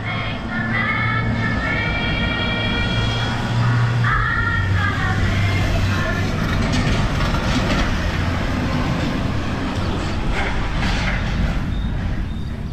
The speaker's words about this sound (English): That one was an actual FedEx truck. That's why it sounded so good. Way too much noise around here. It's in a parking lot.